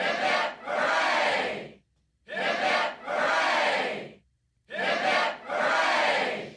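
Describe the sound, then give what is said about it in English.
A crowd shouts three rousing cheers for Captain Cook in a row, each a loud two-part "hip-hip, hooray" burst of many voices, separated by brief silences. “Let's have three cheers for Captain Cook.”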